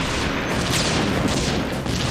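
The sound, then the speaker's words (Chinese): A dense, loud roar of battle noise with booming explosions and rattling gunfire blurring together continuously, swelling in a few heavier bursts, with no voices, from a tank battle between German and Soviet forces at Verkhne-Kumsky, with many tanks destroyed and burning. “到处都是爆炸声，地面都烧焦了。”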